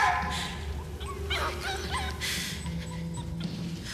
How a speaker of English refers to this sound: Now, shut that dog up!